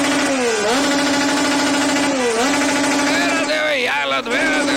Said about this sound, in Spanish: Aceleraban los carros y todo el show